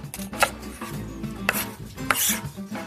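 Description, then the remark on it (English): A knife minces garlic and dices onion small on a cutting board for a potato mash batter: a few sharp, crisp knocks at uneven intervals, with soft scraping and a low steady hum between them. No one speaks. “So next, we are going to mince up some garlic and slice up some onion.”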